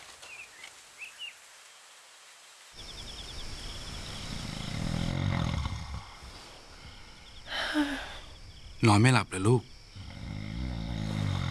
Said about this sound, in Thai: ปู่กรนเสียงดังใช่ไหมล่ะ พ่อกรนดังกว่าคนปู่อีกค่ะ